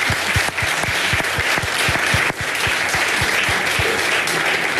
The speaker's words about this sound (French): Et ça peut s'applaudir. Oui. Ouais. C'est vrai.